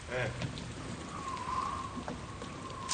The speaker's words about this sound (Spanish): Para de llover, viejo.